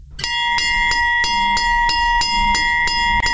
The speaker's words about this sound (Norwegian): Den ikoniske Hjemmeis-klokke. Ja, for Hjemmeis, de uddeler i dag 90.000 gratis is til danskerne, der møder Hjemmeis-vognen, fordi de har 50 års jubilæum i dag.